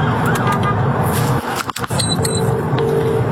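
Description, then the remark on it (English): A police siren wails, heard from inside the cab of a moving police vehicle on a motorway as a van blocks its path, muffled beneath a steady roar of road and engine noise, with thin high tones flickering briefly near the middle. “Must not have been a huge emergency, because you'll hear from inside the cab of their police vehicle how they handled it.”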